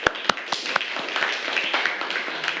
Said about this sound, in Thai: ถูกต้องปรบมือให้เพื่อนค่ะ